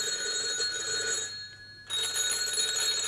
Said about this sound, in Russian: Телефон звонил как припадочный.